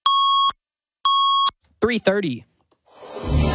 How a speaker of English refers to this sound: At the Double Tone, 680 News time.